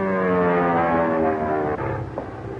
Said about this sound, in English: That must be Bob West. It's a government plane.